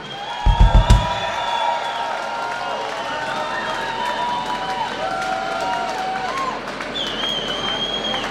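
A concert crowd applauds a singer in a steady wash of clapping that lasts throughout, with scattered cheers and whistles rising above it and a few heavy thumps at the start.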